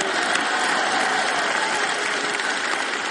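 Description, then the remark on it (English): Steady applause from an audience fills the space, a dense wash of many hands clapping at an even level throughout, with no voices standing out. “You don't even know whether to clap for that or not.”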